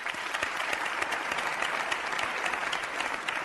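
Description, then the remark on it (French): A crowd claps to show they know the film Alerte Cobra, a dense, even wash of many hands with quick sharp spikes scattered throughout, sustained at a fairly loud level for a few seconds with no voices. “S'il vous plaît, qui connaît Alerte Cobra? Par applaudissement, quand même.”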